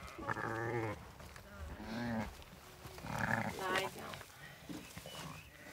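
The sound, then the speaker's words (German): Several wavering, high-pitched lamb-like bleats, made by a shepherdess luring with lamb sounds, come in quick, uneven bursts, each a shaky quavering cry, fairly loud over a low background murmur. “lockt mit Lammlauten.”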